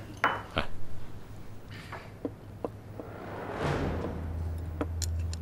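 Several sharp clinks of glassware and dishes ring out in quick succession during a toast, followed by a softer rustling swish and a few more light taps, with no one speaking.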